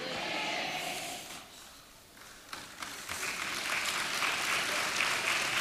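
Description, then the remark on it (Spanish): A church audience claps, the women applauding while the men do not, in a dense, steady patter that eases for a moment, then swells again with a few sharper claps before carrying on at a fuller level. “Los varones no aplauden nada, ¿te has dado cuenta, hermano?”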